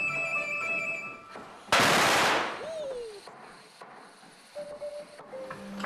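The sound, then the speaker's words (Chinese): A string of firecrackers is set off in the early morning at a dragon boat workshop to start construction of a boat, erupting in a loud, dense burst of rapid sharp cracks lasting about a second and a half, then fading into a quiet backdrop with faint steady tones. “庆功大吉，烧鞭炮！”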